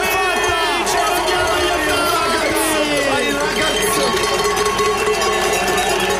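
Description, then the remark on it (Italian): A huge stadium crowd roars after the final whistle of a 2-0 football win over Algeria, a loud, unbroken wall of cheering and shouting voices with swelling chant-like tones rising through the din. “Sentite che delirio!”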